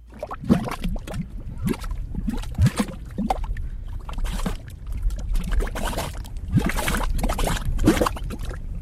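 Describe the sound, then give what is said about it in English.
Thick gray mud pots bubble and plop steadily with geothermal activity, with irregular wet bursts and gloopy pops over a low churning rumble, fairly loud and without any voices. “These are mud pots. They look like little volcanoes spitting gray mud.”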